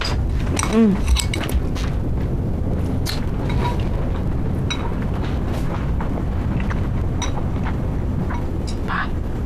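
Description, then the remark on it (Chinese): Scattered light clinks of chopsticks against bowls as people eat, irregular, with a steady low background hum and murmuring voices underneath. “吃完把自己的碗筷洗了”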